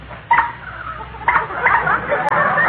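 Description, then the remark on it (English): A car horn honks several times in short, squeaky, reedy bursts with an uneven rhythm, fairly loud, with no talking over it. “And listen to this horn.”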